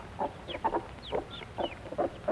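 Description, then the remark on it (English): A Plymouth Rock hen clucks in short, low bursts while her chicks peep in thin, high chirps around her as they come off the nest to eat, several quick calls with no talking. “And now the mother and her chicks come off the nest to eat. These are Plymouth Rock chickens.”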